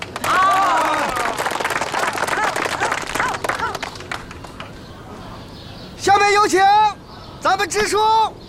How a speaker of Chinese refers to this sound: 就是分田到户大会，现在开始，大家伙鼓掌啊！